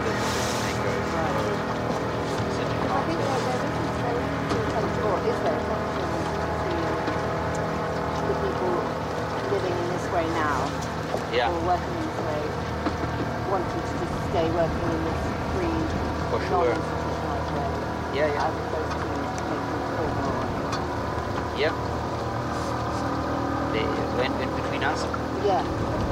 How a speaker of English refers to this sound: There's a boat coming here.